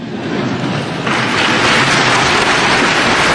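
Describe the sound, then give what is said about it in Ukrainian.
Loud, dense applause from an audience, a steady crackling wash of many hands clapping that swells a little after the first second and carries on without any voices. “Ну, коли такие аплодисменты, дык докладно можно просить усё, что за угодно.”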